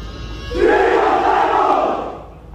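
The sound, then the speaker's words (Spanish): At an oath-swearing ceremony in Spain, a crowd lets out a loud, sustained collective shout, many voices merging into a single roaring cry that swells quickly, holds for about a second and a half, then fades away. “Nos has mandado unos sonidos, creo que de gritos, ¿no? En el momento de la jura”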